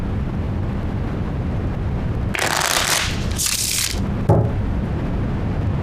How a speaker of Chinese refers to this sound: 我来洗牌，这恐怕不符合规矩吧？